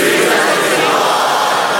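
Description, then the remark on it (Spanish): An audience shouts "Jesús es el Señor" together in unison, a loud, dense wall of many voices held steadily for about two seconds with no single voice standing out. “Con gran ánimo griten: Jesús es el Señor.”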